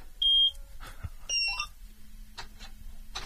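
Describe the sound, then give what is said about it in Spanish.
A combine harvester being started with a key, like a car, heard over a radio broadcast: two shrill electronic warning beeps and a few mechanical clicks, then a low, steady engine drone settles in and keeps running, with no talking. “Bueno, no sé si encender, tiene un botón de encendido la cosechadora, no sé cómo... Tiene una llave como un coche y sí.”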